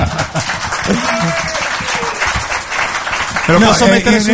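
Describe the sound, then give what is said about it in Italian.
A crowd breaks into steady applause, dense overlapping clapping with voices murmuring and cheering underneath and the clapping swelling louder near the end. “un applauso, dai.”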